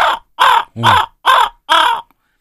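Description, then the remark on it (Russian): Five loud, harsh raven croaks in a steady, evenly spaced series, each a raspy call lasting about a quarter second, the third dipping lower and throatier, with no other sound around them. “у меня написано, значит, звуки тайги, хрипы лошадей, крики коровки. А, воронов, господи, я коровы читаю.”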